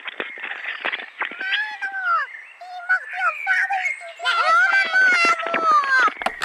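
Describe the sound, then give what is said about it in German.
Several birds in the Mansfelder Land sing and chirp continuously, their whistled, warbling calls overlapping in a busy chorus that sounds slightly thin and tinny, picked up through a telephone held up to them. “Wissen Sie eigentlich, dass hier auch im Mansfelder Land die Vögel auch Dialekt pfeifen?”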